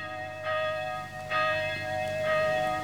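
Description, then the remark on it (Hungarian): A church bell tolls three slow, evenly spaced strikes, calling to dawn mass, each blooming into a rich, sustained ringing hum that carries between blows. It's fairly loud and resonant, with no voices. “Hajnali misére hív a harang már.”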